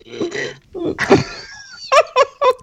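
A man answers only by burping: a low, rumbling burp swells up after some murmured vocal sounds, followed by a run of four short, clipped voiced bursts in quick rhythm.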